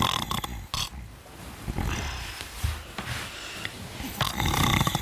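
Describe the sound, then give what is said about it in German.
Loud, rough snoring from a man, a continuous guttural rattle with a few harsher bursts and breathy pauses, heard alone without any talking. “Wer ist das Schnarchmonster?”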